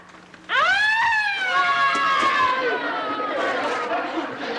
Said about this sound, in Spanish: Es la sirena de la ambulancia.